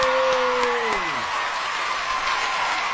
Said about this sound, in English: And naturally, as the... you know, as the host who was giving away the award said, you know, the winner is an announce and whatever, the whole crowd went, yay!